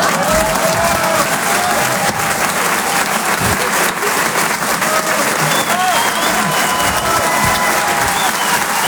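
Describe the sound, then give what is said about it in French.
A large audience at a comedy club claps steadily and loudly for several seconds, a dense, continuous wash of applause with faint cheers and scattered voices mixed in. “Ça pourrait être un TNR d'applaudissement.”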